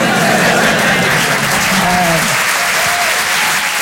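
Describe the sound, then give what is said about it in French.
A crowd claps steadily, a dense wash of applause that stays loud for several seconds, with a few brief voice-like tones rising through it. “Non, n'applaudis pas.”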